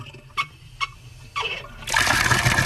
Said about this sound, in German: Hahn aufdrehen, Wasser fließt. Das hatten am 26. Juni, dem letzten Schultag vor den Sommerferien, so viele in Hessen getan, dass die Wasserversorgung teils an ihre Grenzen kam.